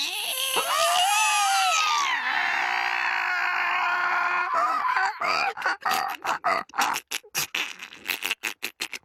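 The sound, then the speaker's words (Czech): A voice imitates a black pen squeaking on black paper: a long, high, whiny squeal that bends in pitch, then a run of short, rapid squeaky bursts, loud with no other talk. “A když jedou po papíře, tak vržou. Ne, nevržou, skřípou. Ne, skřípou, kňouraj. Nekňouraj, dělej asi takhle.”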